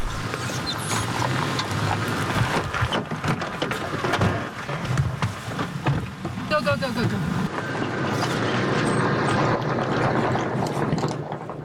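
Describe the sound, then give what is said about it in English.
A Houthi military drone hums steadily overhead, a continuous buzzing engine drone that persists throughout, mixed with shuffling movement and faint, indistinct voices. “We can hear a drone above, and we've been told that it's a Houthi drone, so we're just taking cover.”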